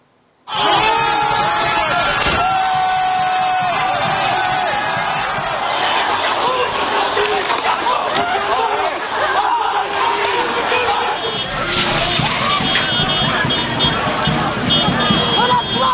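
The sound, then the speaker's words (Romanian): A loud outdoor crowd of over 30,000 protesters in the streets of Brussels roars and chatters continuously, with sharp bangs and cracks bursting out here and there above the din, like firecrackers going off. “Peste 30.000 de oameni au ieșit pe străzile din Bruxelles, nemulțumiți de decizia guvernului de a majora taxele.”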